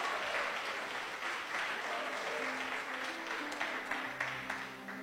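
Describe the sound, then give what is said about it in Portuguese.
A church audience claps steadily and warmly for several seconds to welcome a presbyter who will preach, a dense wash of applause, with faint sustained organ-like tones rising underneath toward the end. “Recebamos o servo de Deus com palmas bem alegre para Jesus.”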